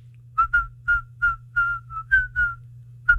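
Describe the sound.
A person whistles a song melody in place of its lyrics, a short tune of about nine clear, rhythmic notes that rise and fall, fairly loud, over a faint steady low hum.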